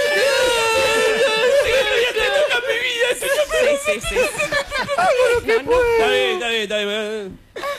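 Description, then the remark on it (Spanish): A person mimics exaggerated crying: a loud voice wails with wavering pitch for several seconds, then breaks into shaky, quavering sobs before stopping abruptly. “vamos redondeando este llantito, sí, por favor.”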